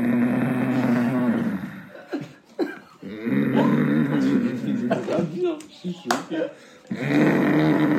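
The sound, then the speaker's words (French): A voice imitates a friend's father's loud snoring: drawn-out, gravelly snorts repeated several times with short breaks between them, fairly loud. “Genre, le signal, c'était quand son père, il ronflait, mais comme un...”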